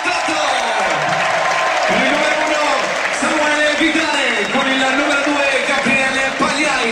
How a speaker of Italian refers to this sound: Intanto un grande applauso per gli eroi bianconeri. Tutto l'Ascoli va a ritirare.